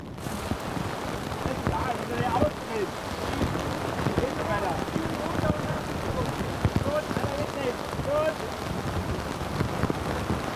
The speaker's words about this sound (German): Statt Kaffee und Kuchen, Hagel und Sturm. Nach einer guten Viertelstunde ist das Unwetter abgezogen. Also das war das Härteste, was wir bisher hatten. Die Hagelkörner haben an den Ohren wehgetan unter den. Das ist schon heftig gewesen.